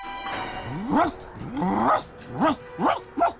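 A dog named Manja barks about five times in a loud run, each bark a short yelping cry with a rising and falling pitch, with no one speaking.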